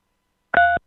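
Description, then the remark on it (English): A single short phone keypad tone as the digit 3 is pressed on a phone during a call, a clear dual-pitched beep lasting about a quarter second, sounding alone against silence. “Hey, if you can hear us, press 3 on your phone.”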